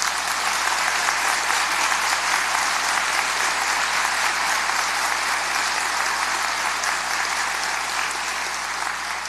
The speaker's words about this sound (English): With today's oath of office ceremony and swearing in of the new governor of the Chickasaw Nation, let's give him a round of applause, please.